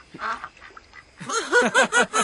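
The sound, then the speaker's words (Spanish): A duck quacks, a few softer calls at first and then a quick run of four loud, raspy, nasal quacks in a steady rhythm. No one speaks. “No, se refería a abajo, no al pato.”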